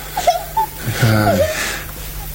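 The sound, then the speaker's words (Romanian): A young girl whimpers and sobs, a short wavering wail rising and falling in the middle, with catchy, breathy gasps before and after. “Copiii nu trebuie să plângă. Tata nu te mai iubește dacă plângi.”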